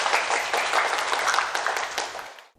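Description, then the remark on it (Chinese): A crowd of students applauds steadily after an award announcement, many hands clapping together in a dense, bright patter that holds even in loudness before cutting off abruptly. “其他小组的同学表现同样出色，掌声送给自己。”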